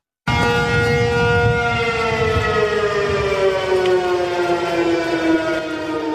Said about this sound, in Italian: oggi sull'isola sono risuonate le sirene antiaeree